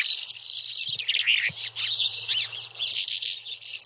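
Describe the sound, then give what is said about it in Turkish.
A buzzard (hawk) recorded in Portugal gives shrill calls, several sharp, sweeping cries rising above a steady high buzz of insects, while a faint low hum runs underneath. No one speaks. “Şahini Jorge Leitao Portekiz'de.”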